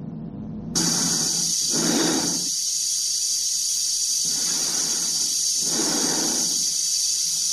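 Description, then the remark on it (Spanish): Slow, heavy breathing of Dave inside the helmet of his red spacesuit as he walks along an octagonal corridor, muffled, with about three drawn-out breaths over a constant loud airy hiss that starts abruptly. No one speaks. “Se escucha su respiración dentro de la escafandra.”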